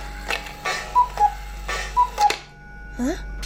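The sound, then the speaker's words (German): A cuckoo clock hanging above a shelf ticks with sharp clicks and sounds two short falling two-note cuckoo calls, evenly spaced about a second apart, over a steady low hum. “Noch während Ben verblüfft zu der Kuckucksuhr aufblickte, die über dem Regal hing,”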